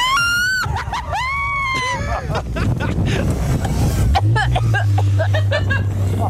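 A car engine roars and revs with whooshing, wind-buffeted noise as the car drifts, while a woman in the car lets out high, sustained screams that rise and fall, loud throughout.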